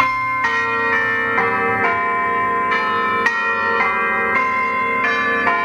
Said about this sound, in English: If you want to try a new hobby, how about bell ringing? Here at St. Clements at Yass, we're building a new bell ringing team.